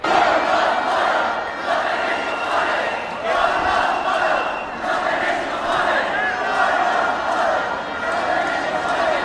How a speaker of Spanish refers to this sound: Estamos en el patio del Congreso, que es el único sitio seguro, y vamos a escuchar alguno de los cánticos.